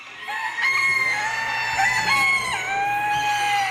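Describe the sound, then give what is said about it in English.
Several roosters crow at once in long, overlapping cock-a-doodle-doos, loud, with chickens clucking underneath in a busy chorus, at a fairground poultry show with more than 2,400 birds, at 6 o'clock on a Saturday morning. “The birds are awake. It's 6 o'clock on a Saturday morning.”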